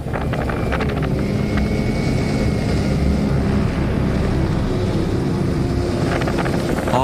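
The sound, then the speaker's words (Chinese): A small drone, just launched from a roadside to fly toward a tornado, whines steadily through heavy, roaring wind buffeting the microphone, the rotor hum faint and thin beneath constant loud gusts, with no one speaking. “无人机已经准备就绪，然后我们决定释放无人机，让它朝龙卷风飞去。”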